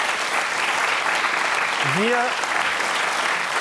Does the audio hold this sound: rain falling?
no